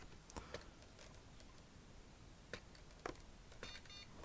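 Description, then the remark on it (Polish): A few soft mechanical clicks and taps, then a short, quiet electronic beep from a braille display powering off near the end. No one speaks. “Słyszeliśmy sygnał.”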